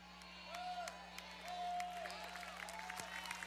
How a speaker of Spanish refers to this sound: Fuerte ese aplauso.